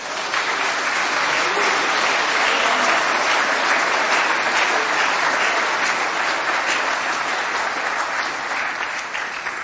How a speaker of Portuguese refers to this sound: Aplaude o Senhor.